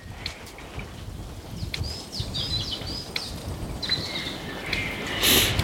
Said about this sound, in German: Hört sich eher an wie ein sachte blubbernder Sumpf, falls Sie das hören.